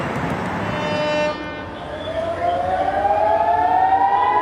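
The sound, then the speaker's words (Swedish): An air raid siren wails in Haifa, northern Israel, at night following Iranian missiles, its tone gliding slowly upward in a long rising sweep over a dense rumbling background. “Iranska raketer mot Israel som lyser upp natthimlen och enligt iransk stats-tv jubel från åskådare på marken som följs av flyglarm i Haifa i norra Israel.”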